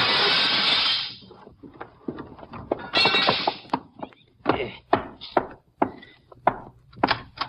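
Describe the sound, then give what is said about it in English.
A loud crash of window glass in Doc's house being knocked in with a gun, followed by a scattered run of sharp knocks and clinks as pieces are struck and fall, with no talking. “I'll knock this one in with my gun, then I'll climb in and let you in through the door.”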